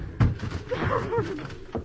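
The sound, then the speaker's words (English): A door to a room, locked on the inside, is forced open with heavy blows: a loud thud, a strained voice calling out, then another forceful crash against the wood. “The door's locked on the inside. Break it down.”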